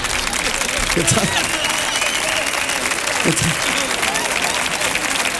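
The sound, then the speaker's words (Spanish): A crowd applauds steadily for several seconds, a dense wash of many hands clapping at an even loudness, with a couple of brief voice bursts rising over it. “No aplaudirle.”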